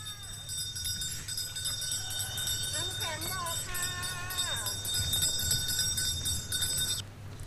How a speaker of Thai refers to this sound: เสียงมาแล้วครับพอเสียงมาแล้วเสียงกลุ้งกลิ้งจากกระดิ่งแว่วมาตามถนนแบบนี้เข้ามาในซอยหมู่บ้านเป็นอันรู้กันเลยว่ารถขายหวานเย็นโบราณหรือที่คนในพื้นที่เรียกว่าน้ำแข็งบอกเข้ามาในชุมชนเรียบร้อยแล้วครับ